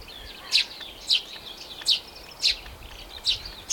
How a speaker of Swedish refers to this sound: det låter nästan som pilfinkarna satt sig på mikrofon. Ja, den är väldigt dominant. Men väldigt nice och står ute vid fyren, solen skiner, det blåser bara lite grann och man hör både småfåglarna i fyrträdgården, okej, duvor också, lärkan uppe i skyn